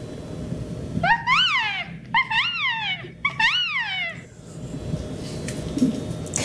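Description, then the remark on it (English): A voice imitates a resplendent quetzal's call: three clear, whistled notes, each swooping up then sliding down in pitch, repeated at a steady pace over a low background rumble. “Yes, it's the resplendent quetzal. Oh, and what's its call?”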